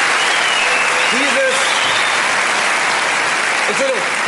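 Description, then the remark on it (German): Steady, dense applause fills the whole stretch, a loud continuous patter of many hands clapping, with a couple of brief voiced murmurs or calls rising above it. “Stört dich der Beifall zwischendurch?”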